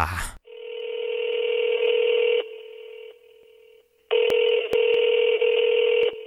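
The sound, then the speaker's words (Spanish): A steady telephone busy tone drones on, dips quieter for a moment, then returns loud, broken by a few sharp clicks as keys are pressed, clear with no voices. “De comunicar el teléfono”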